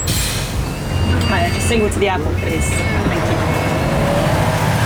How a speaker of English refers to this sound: Already here, this bus.